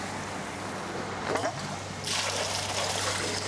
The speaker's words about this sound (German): Und dann können wir nämlich schon das Wasser ablassen. Dicker Schlauch, weil da ist ja jetzt keine Qualle mehr drin, wo man ansaugen kann. Also da kann man ruhig einen dicken Schlauch nehmen.